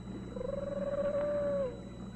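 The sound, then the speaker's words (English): A bobcat lets out a single drawn-out, wavering yowl, fairly high-pitched and steady before dropping off at the end, heard alone over a faint background hum. “No, it's a bobcat.”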